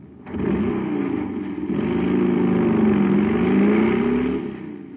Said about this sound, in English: Man, that cycle's roaring like a rocket now because it's supercharged with super fuel.